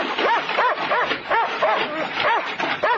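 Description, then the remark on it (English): A dog barks rapidly and insistently from behind a wire fence, about eight sharp, high-pitched yaps in a steady rhythm, loud, with a whiny edge to each bark. “Make to pat the dog.”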